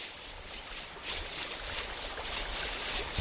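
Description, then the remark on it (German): A babbling forest brook, with a tree lying fallen across it, flows steadily, a continuous bright rushing and gurgling of water with gentle swells in loudness, with no voices. “Schaut mal, da liegt der Baum, quer über dem Bach.”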